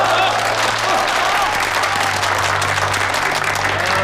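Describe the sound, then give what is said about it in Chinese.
Wedding guests applaud the county head and his bride steadily for about four seconds, a dense, even patter of many hands clapping at once, loud throughout, with a low hum and faint voices underneath. “哎，大家给龙县长及夫人鼓掌。”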